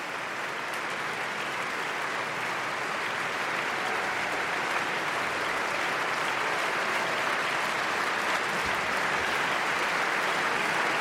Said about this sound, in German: Das Publikum jubelt und Sir Simon Rattle, 16 Jahre lang, der Chefdirigent der Berliner Philharmoniker, geht doch mal in sein Orchester, um sich bei allen Stimmführern zu bedanken.